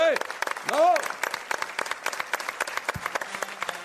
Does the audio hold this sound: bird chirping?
no